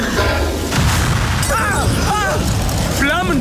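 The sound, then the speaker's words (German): A loud, steady roar of fire as flames burst from a tree trunk, set alight by a lantern broken at its base, the rotten old wood burning; a dense rushing blaze with a booming low end, while voices call out over it. “Flammen schlagen aus dem Stamm! Die Laterne muss am Grund zerbrochen sein und setzt alles in Brand.”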